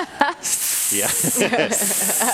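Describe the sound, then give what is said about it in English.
Two long, loud hisses, one after another with a brief break between them, mixed with voiced sounds, like a person doing an exaggerated snake hiss, practicing for the Met's open audition for the role of Snake at Lincoln Center. “Aspiring serpents lined up around the block at Lincoln Center. They're all out there practicing nervously their arias.”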